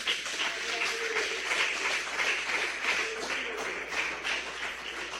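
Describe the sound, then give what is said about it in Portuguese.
A church audience applauds Jesus with great joy, a steady, dense wash of many hands clapping at once, sustained and fairly loud throughout with no talking over it. “pede e aplaudam a Jesus com muita alegria.”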